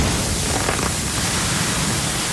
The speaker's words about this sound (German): Wenn ihr bimmelt, wenn's brutzelt. Irgendwann im Gong-Programm wird es zwischen zwei Songs brutzeln.